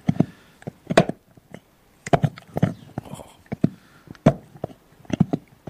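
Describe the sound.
A dog, Blue, gnaws on a hard antler, sharpening his teeth, recorded on a phone very close to his mouth in a conservatory: irregular bursts of sharp cracking and scraping crunches with short pauses between them; a single brief exclamation is voiced once.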